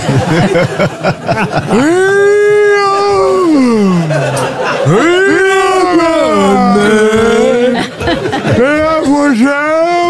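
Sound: dog howling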